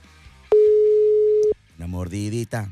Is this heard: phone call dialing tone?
yes